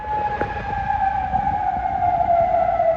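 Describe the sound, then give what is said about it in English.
A steady air raid siren wails in Kuwait as Iranian forces carry out retaliatory strikes on US targets. Its sustained tone holds high with a slight downward drift, heard loud and alone with low rumbling noise beneath. “Sirens sounded in Kuwait as the Iranian military confirmed it had carried out retaliatory strikes on US targets there, in Bahrain and Qatar.”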